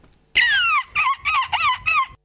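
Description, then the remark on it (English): A rooster crows once, loud, its call breaking into a long opening note followed by several shorter, wavering bursts, with no talking around it. “Okay, that was correct. It was a bird at the end.”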